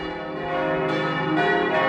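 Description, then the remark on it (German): The church bells of St. Andreas Church in Lübbecke ring out in a dense, overlapping peal, their sustained metallic tones layering steadily and fairly loud, with fresh strikes brightening the sound every so often; no voices are heard. “Das sind die Glocken der St. Andreaskirche in Lübbecke.”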